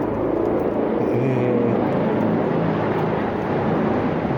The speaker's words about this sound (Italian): Adesso sta passando un elicottero.